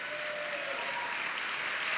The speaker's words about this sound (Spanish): Vamos, dele palmas a Él.